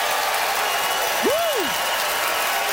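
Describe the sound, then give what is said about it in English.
A large audience at the McPherson Playhouse in Victoria applauds steadily, voting by applause for Katie Ellen Humphreys, a dense wash of clapping that fills the whole stretch, with one brief rising-and-falling whistle cutting through midway. “All right, it is up to you, beautiful McPherson Playhouse, by applause, who thought Katie Ellen's Victoria is lame claim was fair game, Katie Ellen Humphreys.”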